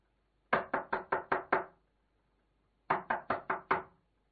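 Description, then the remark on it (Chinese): Two quick bursts of firm knocking on the door of a roadside house, about five or six raps each, separated by a short pause, as a traveler asks to stay the night. The knocks are clear, with no voices. “书呆子出门远行，前不着村后不着店，总算在路边找到了一户人家，便敲门请借宿一宿。”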